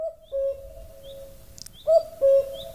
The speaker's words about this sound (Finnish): Pitäisikö vielä kerran päästää toi käki kukkumaan?